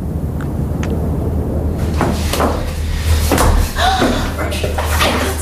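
A few heavy mechanical clunks of the lights being switched off in a church echo over a steady low hum, with a faint creak near the end.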